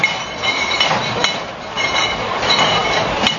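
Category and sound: household object, beer mugs clinking together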